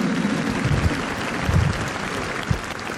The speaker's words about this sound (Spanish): Un aplauso a María, la mujer del encuentro, de la escucha y el sí.